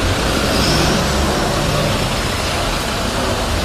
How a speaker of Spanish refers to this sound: Durante nuestra visita, los coches no han dejado de entrar en el parking y apenas quedaban plazas libres.